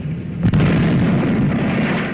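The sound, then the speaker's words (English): A single sharp gunshot cracks out early and loud, followed by a sustained rumbling roar of noise that carries on to the end. No one speaks. “That sounds a little bit like Bugs Bunny, some of those gunshots.”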